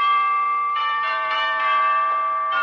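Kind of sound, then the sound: sound effect, wedding bells ringing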